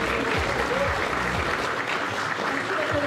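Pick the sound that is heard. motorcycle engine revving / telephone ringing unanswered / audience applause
audience applause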